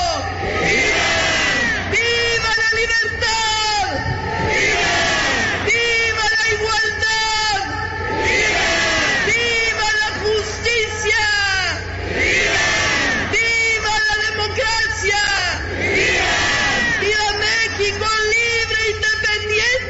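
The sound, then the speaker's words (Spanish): A massive crowd of about 300,000 people at the Zócalo in Mexico City roars in repeated waves of collective shouting for the Mexican Independence Day cry, loud and dense, with rhythmic surges every few seconds like a call-and-response chant echoing across a huge open space. “El gobierno de la Ciudad de México reportó la asistencia de 300,000 personas al Zócalo para celebrar este grito de la independencia.”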